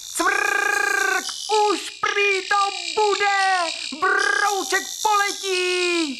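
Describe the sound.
A voice imitates crickets chirping with a series of nasal, warbling chirps in uneven bursts, some held and some quick and sliding, loud.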